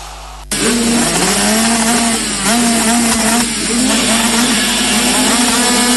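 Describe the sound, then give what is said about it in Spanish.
Roaring enduro motorcycle engines of the Entre Ríos Enduro Cross championship in Nogoyá, Argentina, kick in abruptly after a brief quiet moment, buzzing loudly and steadily with rising and falling revs, continuous throughout with no voices. “Este 11 y 12 de julio vuelve el rugir de los motores a Nogoyá.”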